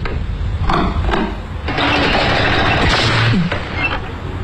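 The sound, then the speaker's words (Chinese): An old second-hand electric fan set on a table sputters to life with a couple of sharp pops, then settles into a loud, rough, steady whirring rush, with a brief rising whine near the end. “哎呀，怎么好端端会爆了呢？”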